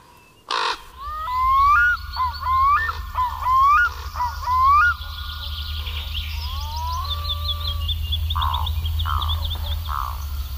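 A common raven on the roof of a tall, light-coloured shopping centre calls out a quick run of loud, hoarse croaks, followed by a few fainter calls, over a steady low rumble of traffic.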